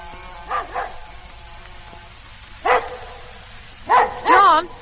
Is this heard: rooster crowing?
no